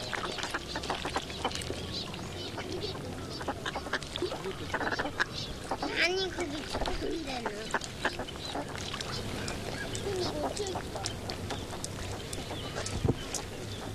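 A flock of ducks quacking continuously, many overlapping calls, busy and irregular with a few louder honking squawks rising above the steady chatter.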